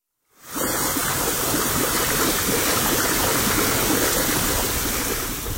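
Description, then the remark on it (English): Bubbling warm mud and saline water at the Kolwezi Group mud volcanoes on the flanks of Mount Drum, about 15 miles east of Glen Allen, churn in a steady, dense wash of gurgling and rushing noise that starts abruptly and holds at an even, fairly loud level throughout, with no voices. “Instead of lava, these geologic features expel a mixture of warm mud and saline water up to 120 degrees Fahrenheit, along with gas composed almost entirely of carbon dioxide.”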